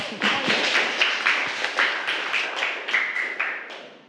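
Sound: children clapping hands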